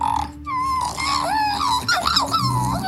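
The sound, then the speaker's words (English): A 12-year-old boy imitates an Australian magpie's warble on TRFM radio, a run of fluty, gliding whistled notes rising and falling in pitch, delivered fairly loudly for about three seconds with no talking. “Could you do the Australian magpie for us”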